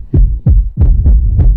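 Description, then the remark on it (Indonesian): A loud, pounding heartbeat thumps rapidly and steadily, several deep low beats in quick succession with a booming resonance and no voices. “Suara derap jantungmu saat menerima kejaran dengan ancaman.”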